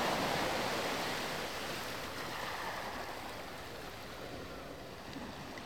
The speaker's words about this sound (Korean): 파도가 부서지는 소리를 들으며 떠오르는 것은 놓치고 온 것들, 되돌릴 수 없는 순간들이다.